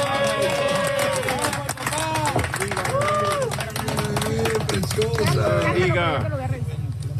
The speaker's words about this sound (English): Applause as rescuers pulled a newborn baby out of the debris a few days ago. Videos show the baby wrapped in a pink blanket, eyes wide open, being handed to what appears to be their father.